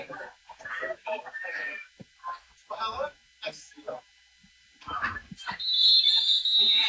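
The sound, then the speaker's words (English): People talk over crowd ambience at a football game in the rain, then a referee's whistle on the field blows one long, shrill, slightly trilling blast that carries loudly to the end. “Whistle on the field.”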